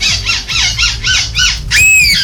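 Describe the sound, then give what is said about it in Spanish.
A human voice mimics seagull calls at a seagull-call imitation competition in Belgium: a rapid series of five or six nasal, rising-falling squawks, then a long, loud, high wailing cry that ends the burst. “Son imitadores del graznido de las gaviotas.”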